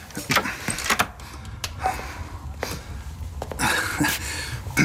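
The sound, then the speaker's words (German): A door is handled and pushed shut, with a series of sharp clicks and knocks from the latch and frame over a faint background rustle, moderately loud. “Schließen Sie die Tür, setzen Sie sich zu uns und schenken Sie sich ein Tässchen Tee ein.”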